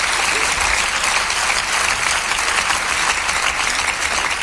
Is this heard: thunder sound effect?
no